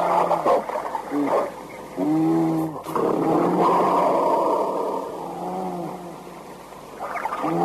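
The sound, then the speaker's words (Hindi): A fat bear that has got into a room and been shut inside growls loudly, a series of deep, drawn-out rumbling moans repeated several times over a rough, noisy background. “और ये भालू घुस गया कमरे में, बंद करो दरवाजा, बंद कर दिया भालू, बंद कर दिया। भालू इतना मोटा, बाप रे, भालू पीछे हट जाइए।”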